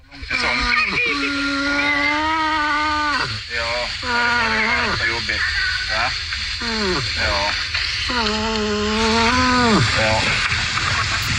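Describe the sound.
A moose kept by a Swedish man, lying beside him as he talks to it, gives a run of loud, drawn-out moaning calls with rising and falling pitch, sounding oddly like talking, over a steady background rumble and hiss.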